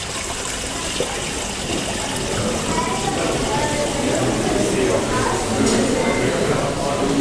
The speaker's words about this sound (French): Dans certaines ambiances, il n'y a qu'à regarder l'ambiance de la salle à manger avec ce cours d'eau qui ruisselle et dont le chuchotement et le clapotis peut être ce clin d'œil perpétuel à l'autre.